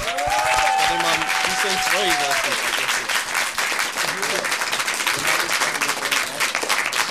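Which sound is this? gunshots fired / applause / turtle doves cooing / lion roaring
applause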